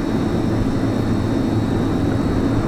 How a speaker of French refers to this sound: Alors ça, c'est plutôt le bruit des frigidaires, mais en fait, Pour moi, les bruits sont liés à l'objet. Et par exemple, mon frigidaire, quand je l'ai acheté, on m'a dit il ne fait aucun bruit.